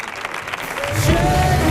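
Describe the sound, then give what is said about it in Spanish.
Studio audience applause swells from a scattered start into steady, dense clapping that fills the room, with a few faint whoops and crowd noise mixed in. “fuerte el aplauso para Chema Tagua”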